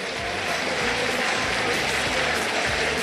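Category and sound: crowd, stadium crowd applause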